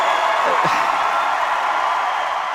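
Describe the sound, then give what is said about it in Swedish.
A concert audience in a packed venue, everyone standing, cheers a performer at a microphone on a lit stage at the 2019 Rock and Roll Hall of Fame induction, a steady, loud roar of many voices that holds evenly throughout, with a brief rising whoop standing out early on. “står framför micken på en upplyst scen och tar emot publikens jubel.”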